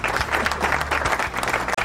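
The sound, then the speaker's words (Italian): An audience bursts into steady, dense applause, many hands clapping at once in a loud, continuous patter that holds at an even level for a couple of seconds. “Applauso.”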